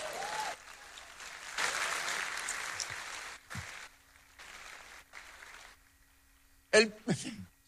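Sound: audience applause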